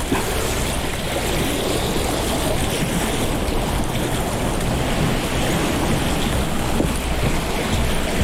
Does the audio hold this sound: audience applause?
no